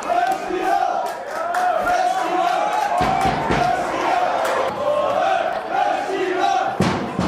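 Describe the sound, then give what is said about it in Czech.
The fan club of TJ Sokol Leština, from the Šumperk district, cheers and chants in unison at Andrův stadion during the district super cup final against Hněvotín, a loud, sustained, droning chorus of voices with a few sharp bangs cutting through it. “Ačkoliv fanklub týmu TJ Sokol Leština z okresu Šumperk měl na Andrově stadionu ve finále okresního superpoháru hlasitější podporu, neodvrátilo to porážku s Hněvotínem 0-4.”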